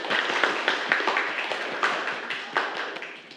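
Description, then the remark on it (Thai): A group of students claps together for a classmate after a presentation on e-cigarettes, a steady burst of applause, many hands overlapping into a dense, bright patter with sharper individual claps standing out, holding at a fairly even level throughout. “ปรบมือเพื่อนครับ”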